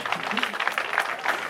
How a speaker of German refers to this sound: Und das ist Ihr Applaus.